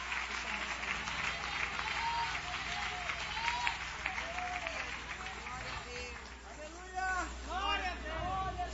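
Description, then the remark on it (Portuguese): A church audience applauds steadily for several seconds in praise of Jesus, a dense, sustained clatter of many hands, with voices calling out and rising shouts of praise mixed into the clapping. “Palmas que louve e adore o Rei Jesus.”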